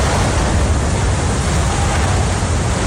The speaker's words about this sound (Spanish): Este era el momento en el que la tuneladora Mairit llegaba a la estación de Madrid Río.